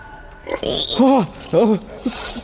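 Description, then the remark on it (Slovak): Pigs grunt and oink, with two longer squealing oinks in the middle framed by short low grunts, all fairly loud against a quiet background. “Niečo som počul. Blíži sa to. Bari, cisárske prasce?”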